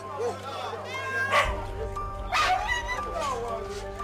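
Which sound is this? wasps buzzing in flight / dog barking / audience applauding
dog barking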